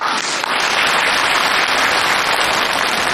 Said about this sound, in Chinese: 我们有京剧界的人今天来了，木鱼老师到现场了，大伙儿给鼓掌。